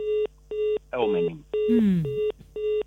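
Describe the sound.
A steady series of electronic keypad dialing tones, short evenly spaced beeps at a regular rhythm, with brief bursts of a voice cutting in between them.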